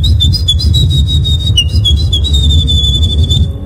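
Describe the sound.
A woman imitates a wren's song in the winning entry of the third Polish Championship in bird imitation, with a loud, continuous, high-pitched warbling trill, rapid chattering notes running without pause for several seconds over a low background rumble.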